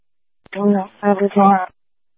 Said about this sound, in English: Oh, no. 27, you came in with static.